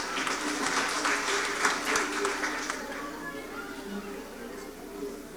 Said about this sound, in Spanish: Así que pues queremos agradecer En primer lugar, a Dios, porque nos tiene reunidos aquí en esta iglesia, aquí con nuestros hermanos de la comunidad de la Cumbre. Brindémosle fuertes aplausos, hermanos.